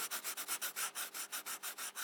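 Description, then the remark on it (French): Pencils scratching across paper in quick, even back-and-forth strokes, about a dozen in two seconds, with a dry, hissy texture and no voices. “Savoir sourire à une inconnue qui passe. Des crayons sur les feuilles.”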